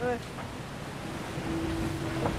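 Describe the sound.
Steady rush of water and wind noise from a hydrofoil boat gaining speed, with a thin, steady whistle rising from the hydrofoil as the boat lifts off the water and flies at about 27 knots, emerging in the second half; a brief voice sounds at the start.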